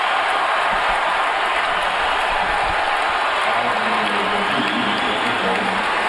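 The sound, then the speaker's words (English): A dense, roaring crowd at a Lakers basketball game holds a steady, loud wash of cheering and shouting as Kobe is fouled with a chance to reach 60 points, with no single voice standing out. “Listen to this crowd.”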